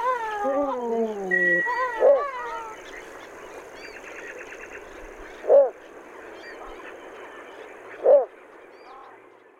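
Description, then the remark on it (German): A little bittern, recorded by Radio Korax Halle, calls three times, short gruff barks spaced a few seconds apart, rising above a steady, busy chorus of other birds and insects, with some higher warbling notes at the start. “Ja, das war der Vogel der Woche, die Zwergdommel.”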